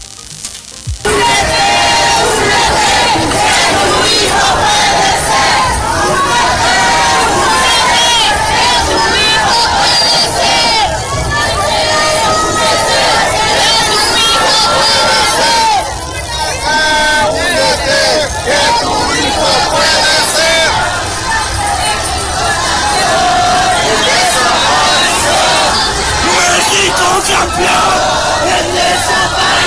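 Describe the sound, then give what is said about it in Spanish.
A large crowd of searching mothers' collectives protesting on Paseo de la Reforma chants slogans such as "México campeón en desaparición" in unison, loud and continuous, with many voices shouting together in a steady rhythmic cadence and a dense roar of babble underneath, briefly dipping before surging again. “Colectivos de madres buscadoras protestaron ayer sobre Paseo de la Reforma bajo el grito de México campeón en desaparición.”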